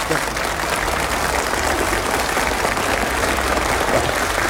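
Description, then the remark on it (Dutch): An audience claps steadily, a dense, sustained wash of applause holding at an even loudness throughout with no break. “Ja, applaus.”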